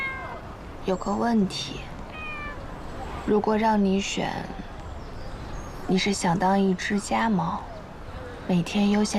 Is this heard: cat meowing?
yes